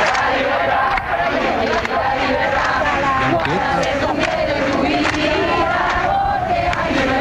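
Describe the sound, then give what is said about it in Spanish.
A large protest crowd at the 14 July demonstration in Madrid against ETA, after the murder of Miguel Ángel Blanco, ending at the Puerta del Sol, chanting and shouting together, a dense, loud roar of many voices that stays steady throughout with no single speaker standing out. “El 14 de julio, la gran manifestación convocada en Madrid terminó en ese punto.”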